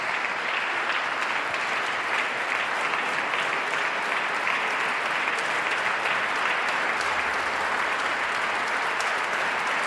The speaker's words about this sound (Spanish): El público en pie. Paolo Pinamonti, el director del festival, también aplaude entusiasmado al compositor.